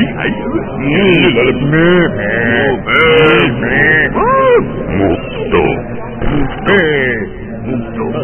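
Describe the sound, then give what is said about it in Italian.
Voices making drawn-out, wavering mooing sounds, imitating a cow, loud and close, with several overlapping moans and some laughter-like vocal noise throughout. “Cosa sono questi rumori? Dai, mi ero girato un attimo. Era una mucca pazza.”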